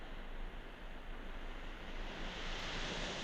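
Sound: sea waves and surf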